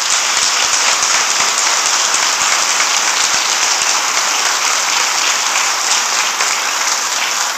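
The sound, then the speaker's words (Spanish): A crowd applauds loudly and steadily for a colleague who is in hospital. Dense overlapping claps form a continuous wash of sound that holds at the same level for several seconds, without any voices. “Entonces yo les pido, con mucha humildad, porque no está viendo en este minuto, démosle un fuerte aplauso a Jaime, que está en el hospital.”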